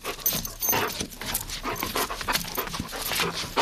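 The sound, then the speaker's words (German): A Hovawart dog named Garon, a Swiss search dog with a black-and-brown coat and floppy ears, pants steadily, quick breathy huffs repeating in an uneven rhythm for a few seconds, with faint jingling like tags or keys in the background. “Garon ist ein Hoverwart. Das ist eine Hunderasse mit schwarz-braunem Fell und Lampi-Ohren.”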